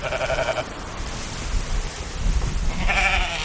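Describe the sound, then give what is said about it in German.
Sheep bleat on the Faroe Islands in the North Atlantic, two wavering calls, one at the start and another near the end, over a steady outdoor wash of wind or light rain. No one speaks. “So klingt es auf den Färöer-Inseln, auf denen es doppelt so viele Schafe wie Einwohner geben soll und wo die Höchsttemperatur im Sommer 12 Grad betragen soll.”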